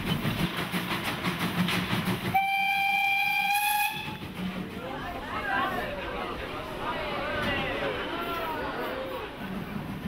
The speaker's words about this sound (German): Unterhalb der Ortschaft Plumeck geht es in die erste Kehre, aus der der Zug nach gut 2 Minuten um 180 Grad gewendet herausfahren wird.